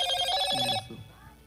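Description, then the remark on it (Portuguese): A telephone rings during a radio phone-in call, a bright, buzzing electronic trill that stops abruptly partway through, leaving faint background noise and a low murmur of voice underneath. “O telefone dele tá rindo.”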